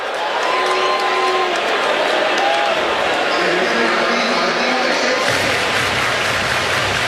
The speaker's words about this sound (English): The Chicago crowd active and verbal in the series opener on Mexican Heritage Night.